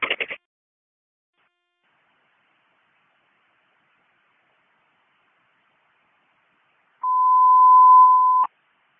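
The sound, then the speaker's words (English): Fire dispatch alert tone for a fire alarm call, sending Engine 1, Ladder 1 and Car 2 to a rescue mission shelter at 122 Dickerson Street: one steady, mid-pitched beep held for about a second and a half. It comes after a brief crackle of radio noise and a long stretch of silence, with no talking. “They just got a fire alarm at 227.”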